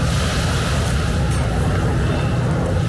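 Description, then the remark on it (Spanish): Steady ambience at a harbor shoreline in Liberty State Park, Jersey City, New Jersey, with a constant low rumble like boats or traffic over a soft wash of water. Even and unbroken throughout, with no voices. “Hoy te mando la postal sonora desde una orilla.”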